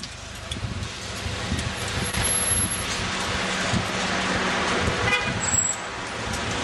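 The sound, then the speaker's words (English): Busy street noise with a steady engine rumble from a passing FedEx delivery truck, punctuated by a short horn toot that stands out over the traffic. “Watch the FedEx truck.”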